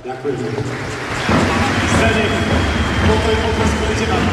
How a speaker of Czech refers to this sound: Rádi bychom vás poprosili o poslední potlesk pro jednoho z našich hostí, který se nemohl dostavit.